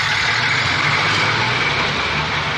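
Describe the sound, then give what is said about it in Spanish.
A bus engine idles steadily as the bus stops at a village station, a constant low rumble with a broad hiss over it. The sound holds level throughout, with no voices. “Cuando el autobús se detuvo en la estación”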